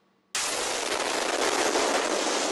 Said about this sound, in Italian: L'esplosione nella notte sorprende questo agente di polizia. Dalla sua bodycam le immagini dell'attacco che ha colpito nella capitale ucraina anche un palazzo di 24 piani, dove è salito a 9 il numero dei feriti.